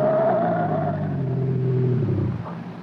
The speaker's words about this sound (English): I slammed the gas down all the way. He stayed right behind, the same distance.